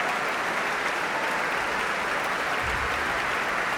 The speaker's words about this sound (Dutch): Om dit bijzonder enthousiaste applaus in ontvangst te nemen.